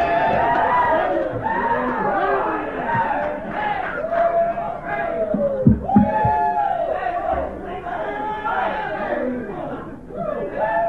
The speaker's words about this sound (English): You say, where did this crowd come from?